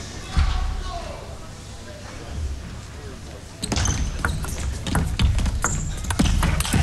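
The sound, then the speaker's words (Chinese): A table tennis ball is struck and bounces repeatedly in a quick, irregular rally of sharp clicks during a match involving Tomokazu Harimoto, at 7-7 into 8-7. The crisp taps arrive in the latter half over a steady hum of crowd noise. “这个球其实有个假动作，退台之后再往前一个弓箭步抢拉一拍，正手位去突破”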